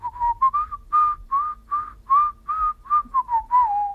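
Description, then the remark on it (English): Someone whistles along to a lively tune, a run of quick, bright notes bouncing in a steady rhythm, with a low hum of background music underneath. “Are you having a little whistle along there?”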